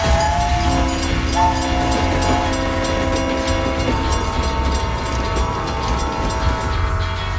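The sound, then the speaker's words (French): A train horn blares a long, steady chord for a few seconds over the loud, continuous rumble of the Transcontinental train passing, which keeps roaring after the horn stops. “et vous êtes à bord du Transcontinental.”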